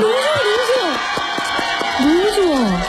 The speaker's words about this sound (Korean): 너무 좋아. 감사합니다. 이렇게 한 줄만 불렀는데 이렇게 환호를 해주시다니 기분이 좋네요.